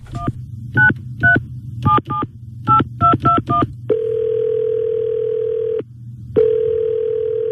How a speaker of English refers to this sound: So, hey, Longy, dial that phone number. I sure hope she's home.